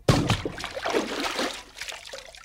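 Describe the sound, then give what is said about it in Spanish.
A sudden splash as a person dives headfirst into a river, followed by a couple of seconds of churning, sloshing water that gradually settles. Fairly loud, with no voices. “Pronto, pronto, quítate tu ropa y arrójate de cabeza al río.”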